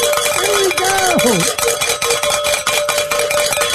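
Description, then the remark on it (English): Bells are rung to start the hour, ringing continuously in a dense, bright metallic clamor with a steady ringing tone underneath, while a voice briefly calls out early on. “That is always a great way to start the hours by ringing the bells, and even better when we get to also end the hour in ringing the bells.”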